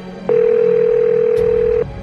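A telephone line ringing out as a 911 operator calls a caller back: one steady electronic ringback tone holds for about a second and a half, clear over a low background hum, then cuts off.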